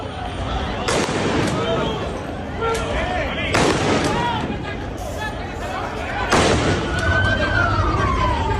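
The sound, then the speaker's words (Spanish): Three loud gunshots, fired by security forces to disperse protesters in Ceuta near Trampolín beach, ring out a few seconds apart over a noisy crowd of shouting voices, with a siren wailing briefly near the end. “Escuchábamos esos disparos que han tenido que realizar las fuerzas del orden público para tratar de dispersar a algunos manifestantes que de forma paralela este miércoles acudían en masa a la zona donde pernoctan algunos de los migrantes”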